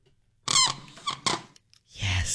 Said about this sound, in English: Get that squeaky marker out. I want that in the clear.